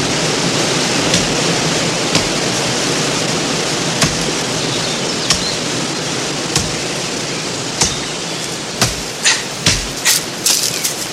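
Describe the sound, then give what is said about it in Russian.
A steady, loud roar of rushing water from a waterfall fills the scene, with sharp wooden knocks of a man chopping a tree cutting through at intervals and coming faster toward the end. “И местечко я знаю подходящее. Водопад.”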